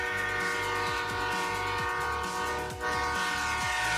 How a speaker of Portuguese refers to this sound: Ou estares perto de uma linha de comboios e passar um comboio a apitar?